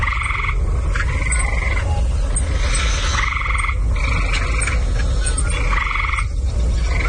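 Gray tree frogs give loud, rapid musical trills in repeated bursts, several overlapping calls close by, over a steady background hum of outdoor noise.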